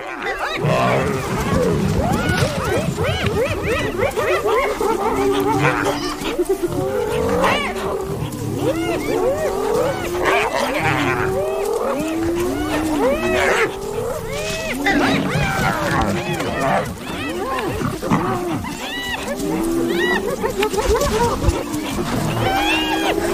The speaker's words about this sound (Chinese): 哦，他们现在全都围过来了。 你以前见过吗？ 我还从来没见过斑鬣狗把一只狮子从猎物旁边赶走。 你觉得他们能把狮子赶走吗？ 斑鬣狗铁了心要抢走狮子的猎物。